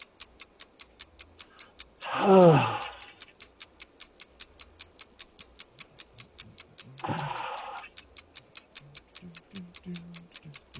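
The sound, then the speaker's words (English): A steady, rapid ticking runs throughout like a game-show countdown clock in a trivia quiz game, broken twice by a loud, harsh buzzer burst whose pitch slides downward, the first lasting about a second. “There is the buzzer.”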